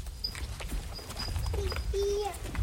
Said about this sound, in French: C'est les vaches. Ah, je parle aux vaches.